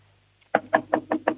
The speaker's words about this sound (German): So, und jetzt gehst du zum Fenster und du klopfst mal mit der Hand so gegens Fenster. Also wie wenn du anklopfen würdest.